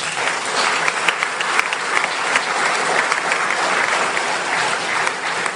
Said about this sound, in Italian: Quindi grazie ancora e vorrei chiedere un altro applauso per loro.